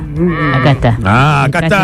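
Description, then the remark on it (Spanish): A goat bleats loudly, a drawn-out, quavering cry that wavers in pitch and carries through the whole short moment with no other sounds around it. “¿Escuché yo por ahí una cabra?”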